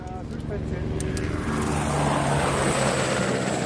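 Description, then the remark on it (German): A helicopter's rotors spin up before flying a group of ski tourers and snowboarders up to a glacier, a loud droning engine whine with a deep rhythmic thrum that builds and thickens into a steady roar. “Die Rotoren laufen an.”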